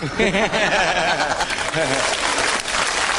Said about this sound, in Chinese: 一走，大家报以热烈的掌声。 都喜欢我。